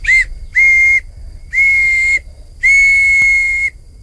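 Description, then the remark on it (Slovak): Four shrill, breathy toots on a willow bark whistle, made in spring when the willow has sap, each holding one steady high pitch; the first is short and the last is longest, with no talking. “No tak toto je tá píšťalka z vrby. To bolo len na jare, keď tá vrba mala miazgu. Na tej môžem zapískať.”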